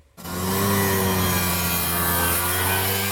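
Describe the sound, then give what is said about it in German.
A steady, loud engine drone starts abruptly and holds, with low humming tones and a rattling, buzzy texture: many Vespa scooter engines running together on the streets of Rome, where over 20,000 Vespa fans gathered for the brand's 80th birthday. “Auf den Straßen Roms ist dieser Tage aber vor allem ein lauter, vielstimmiger Knatterton und Brummton zu hören.”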